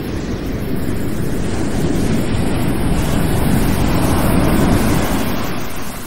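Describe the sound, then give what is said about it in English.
Loud, continuous roar of ocean surf with wind gusting over it, a steady wash of crashing water that swells slightly midway and holds without pause. No voices. “My only anchor and hope had vanished in those waves.”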